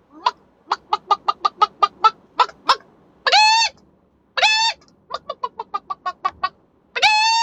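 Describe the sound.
A person imitates a chicken, with quick bursts of clucks broken up by drawn-out squawking 'bagawk' calls, loud, with no other talking.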